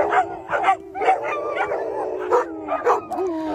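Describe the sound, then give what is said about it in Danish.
Several dogs at a dog daycare in Charlottenlund bark and yip in a rapid, overlapping chorus, with a few howling, whining notes mixed in, fairly loud with no one talking. “som for eksempel sender deres hunde i hundebørnehave, som den her i Charlottenlund, der hedder Daycare for Dogs”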